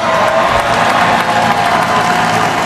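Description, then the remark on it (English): A huge crowd, an estimated 2 million people in the streets of Lower Manhattan at the ticker tape parade for the NBA champion New York Knicks, roars and applauds in a steady, dense wall of cheering and clapping that stays loud and unbroken throughout, with no single voice standing out. “Finals MVP Jalen Brunson addresses the packed crowd.”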